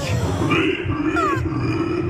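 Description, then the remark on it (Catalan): People imitate a pig with their voices, producing a continuous rough, growling grunt with a brief rising squeal-like tone partway through, loud. “Aquesta, això que escoltareu és penya de veritat fent de porc.”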